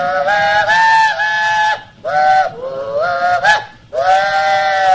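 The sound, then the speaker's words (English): A train's steam whistle, blown by the engineer, sounds four loud, drawn-out blasts in quick succession, the pitch bending and sliding between toots, prominent with no talking. “I ran through the passenger car, through the dining car, through the baggage car, and they didn't find me until the engineer blew his whistle.”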